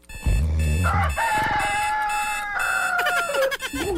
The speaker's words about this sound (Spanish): Kikiriki, cantó el gallo.